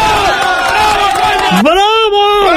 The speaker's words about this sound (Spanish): ¡Bravo, coño! Era exactamente el grito. Ahí estaba la masa entregada.